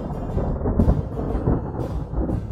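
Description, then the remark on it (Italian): Low, rolling thunder rumbles steadily in the distance during a summer thunderstorm under a cloud-laden sky. It is a deep continuous grumble that swells slightly now and then, with a faint hiss of wind above it and no voices. “Il cielo era gonfio di nuvole brutte, il tuono ruzzolava lontano e un ventaccio strapazzone scarmigliava gli alberi.”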